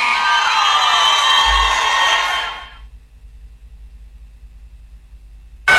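A loud burst of audience applause and cheering with excited shouts for a visiting musician during an FM Alegría radio broadcast, sustained for a couple of seconds before quickly fading into near silence.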